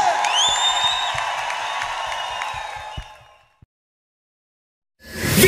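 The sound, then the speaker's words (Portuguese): A crowd applauds and cheers loudly, with whoops and sustained clapping that fades out over a few seconds, followed by a brief silence before a burst of noise at the end. “Uma salva de palmas para eles aí!”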